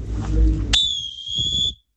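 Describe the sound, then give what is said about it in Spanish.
A referee's whistle blows once, loud and sharp, signalling a hydration break in a match, a sustained shrill tone lasting about a second over crowd or stadium murmur, which fades out as the whistle ends. “Suena fuerte ese silbato, ¿eh?”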